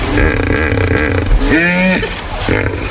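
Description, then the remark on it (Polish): A hippopotamus calling: loud, deep rumbling grunts throughout, broken midway by a brief honking bellow that rises and falls in pitch, with no voices. “To hipopotam był.”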